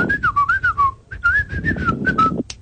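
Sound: person whistling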